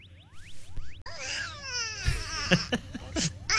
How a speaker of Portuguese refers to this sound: Ai, meu Deus. O que foi, meu filho? Por que tá chorando, meu filho?